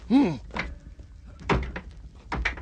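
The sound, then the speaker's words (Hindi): Someone batters a door to break it open: several heavy, irregular thuds land, with a brief shouted voice at the start. “आओ, तोड़ो इस दरवाजे को, तोड़ो जल्दी इस दरवाजे को।”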